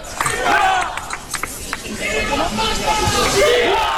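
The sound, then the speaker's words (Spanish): A large crowd in the city centre, wearing hats and caps, carrying sprays and yellow flags, shouts and calls out over a continuous roar of overlapping voices, with individual raised cries rising and falling throughout, steady and loud from start to finish. “Ataviados con sombreros, con agua en la nuca, con sprays, con gorras, con banderas amarillas y con gritos.”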